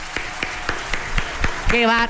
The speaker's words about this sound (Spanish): Un aplauso, por favor.